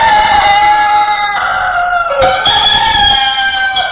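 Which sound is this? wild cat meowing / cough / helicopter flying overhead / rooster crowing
rooster crowing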